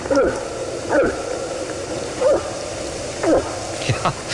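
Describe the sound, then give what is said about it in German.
A moose gives a series of about five short, gulping grunts, each a brief hollow swallow-like sound, spaced irregularly over a steady low background hiss. “Ist aber ein Elch.”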